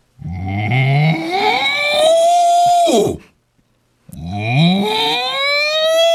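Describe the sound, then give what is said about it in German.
A person imitates a cow with two long, loud, rising moos separated by a brief pause, each voiced call swelling in pitch and holding before cutting off. “Wie macht denn eine Kuh?”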